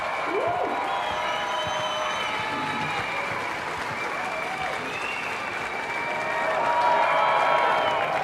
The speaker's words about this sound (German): Einen großen Applaus für Solomon Yeo.